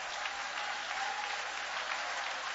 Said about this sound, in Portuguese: 2 minutos de palmas e glórias para ele.